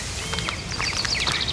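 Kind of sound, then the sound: bird, birds singing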